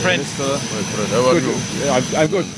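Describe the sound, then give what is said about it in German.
A steady, loud roar of airplane engines on arrival in Nouakchott, Mauritania, fills the background while several voices talk over it, the engine drone holding constant throughout. “7 Stunden später steigt er in Nouakchott, der mauretanischen Hauptstadt, aus dem Flugzeug.”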